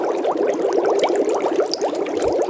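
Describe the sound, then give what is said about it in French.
Continuous burbling of bubbles in water, a dense stream of small rising pops and gurgles at steady loudness, with no voices. “Alors oui, ce sont des bulles.”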